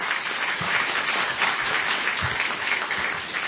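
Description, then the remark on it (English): Steady audience applause at a National Press Club event, a dense crackle of many hands clapping at once with no pauses, loud and sustained throughout with no voices over it. “Well, how about another round of applause for Mark Sheff and the National Press Club?”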